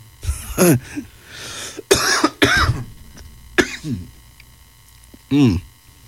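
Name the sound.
coughing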